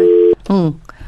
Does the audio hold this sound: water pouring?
no